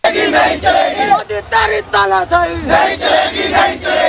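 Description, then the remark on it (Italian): A crowd of protesters, led by students, chants slogans against the education minister and Narendra Modi's government at a street protest in New Delhi, in loud, rhythmic bursts, with a few brief pauses between shouted phrases and sustained, strained tones rising above the mass of voices. “Cori e slogan contro il ministro dell'istruzione e il governo di Narendra Modi hanno accompagnato la protesta di ieri a Nuova Delhi.”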